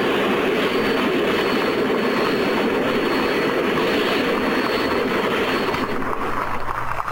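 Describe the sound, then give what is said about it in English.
The engine of Granatelli's experimental side-mount Paxton turbine race car at the Brickyard (Indianapolis), driven by Parnelli Jones in the 1967 race, roars in a steady, loud whoosh with a thin high-pitched whine running through it, holding constant for several seconds before easing slightly at the end. No one speaks. “That was the sound of the turbine experimental.”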